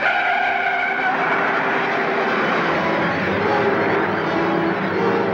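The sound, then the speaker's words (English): A stolen police squad car, number 23, roars away with a loud, sustained engine whine and screeching tires, the noisy rush filling the whole few seconds with no talking. “They took your car. Come on, take mine.”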